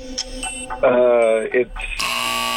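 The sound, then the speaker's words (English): A loud, harsh quiz buzzer cuts in abruptly over a contestant's answer to a trivia question and holds a steady, buzzy tone to the end, rich in overtones, after a brief stretch of speech and tonal sounds. “Oh, you got buzzed before you could give me that answer.”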